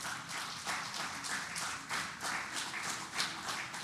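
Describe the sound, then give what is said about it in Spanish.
A crowd gives a loud round of applause to the Lord, clapping steadily in dense, continuous applause with rhythmic surges, many hands beating together at a strong, even volume with no voices standing out. “Brinda un fuerte aplauso al Señor.”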